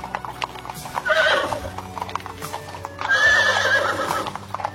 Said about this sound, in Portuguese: E ele foi viajando nesta longa estrada e muitos servos o acompanharam em outras carruagens e galopando a seu lado nos seus lindos cavalos.